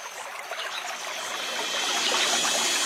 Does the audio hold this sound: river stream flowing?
yes